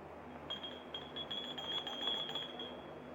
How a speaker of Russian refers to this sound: Услышав звонок, Михевна торопливо идет к двери в прихожую. Ну уж это, Вадим Григорьевич, по звонку слышу.